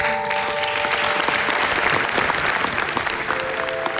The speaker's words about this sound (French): Mais qu'il croit qu'il puisse le faire, qu'il s'en donne les moyens et qu'il fait tout pour y arriver. On peut l'applaudir.